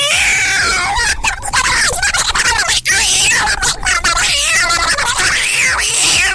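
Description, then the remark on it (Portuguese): A person vocally imitates a cat fighting a dog, producing loud, continuous yowls, wavering screeches and hisses that rise and fall without pause for several seconds. “Você já viu aquele vídeo do cachorro, do gato brigando com o cachorro?”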